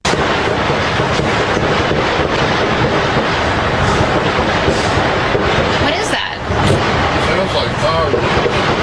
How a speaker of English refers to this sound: Sounds like gunfire. That dumbass is a reporter, and she can't identify the sound of a gunshot.